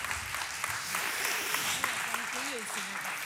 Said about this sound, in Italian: Prego, accomodatevi, un altro applauso perché sono stati veramente super.